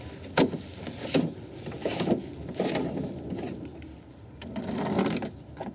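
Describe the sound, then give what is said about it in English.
Repeated scrubbing and rubbing strokes as a boat is thoroughly cleaned, coming in irregular bursts with brief pauses, some sharper scrapes standing out. No one speaks. “It's great that you're cleaning your boat so thoroughly for a change.”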